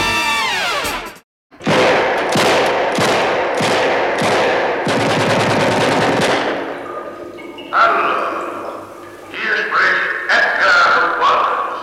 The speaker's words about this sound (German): Schüsse von Edgar Wallace, die unterhalten die deutschen Fernsehzuschauer im Jahr 1961, hier diesmal bereits zum 8. Mal mit dem Fälscher von London